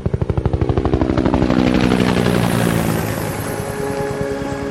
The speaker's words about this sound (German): Der Hubschrauber ließ die Küste hinter sich und flog über den Atlantik weiter.